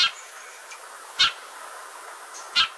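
Sharp Eurasian tree sparrow chirps ring out three times at roughly even intervals, each a brief bright call, with fainter chirping in between against a quiet outdoor background.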